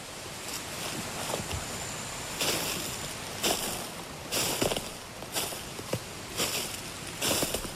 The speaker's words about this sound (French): La fraîcheur du ruisseau.